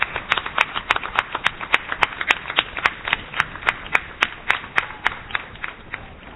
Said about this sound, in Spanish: ¡Viva la Virgen de Luján! ¡Viva! ¡Fuerte el aplauso para nuestra madre!